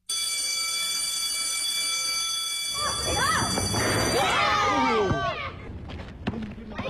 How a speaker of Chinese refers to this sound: 在温塘镇中心学校，记者看到每当下课铃声响起，孩子们都会奔向操场，哪怕10分钟的时间也要打打篮球踢踢足球，老师们也不会扫兴，很少有拖堂的情况发生。